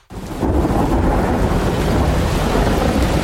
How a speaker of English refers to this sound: Relax and unwind to the sound of A Stormy Night Over the Midlands.